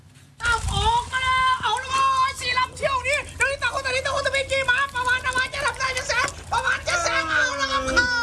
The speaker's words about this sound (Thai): จะเรียกว่าเป็นการจำลองแข่งขันเรือยาวก็ไม่ผิดนะครับเพราะว่าทรงคล้ายๆกันเด็กๆก็พากเสียงเชียร์เหมือนแข่งเรือยาวครับแต่ว่าเรือลำน้อยนี้เรียกกันว่าเรือไม้ดีดหนังยางแบบท้ายตัด